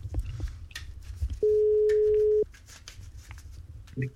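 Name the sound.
telephone ringing tone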